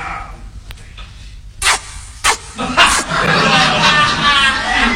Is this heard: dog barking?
yes